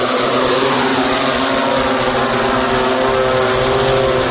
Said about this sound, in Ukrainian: Бійці між собою звуть його матрацом, запускають цей квадрокоптер із ретранслятором. Він перетворює безпілотник на потужну повітряну вишку.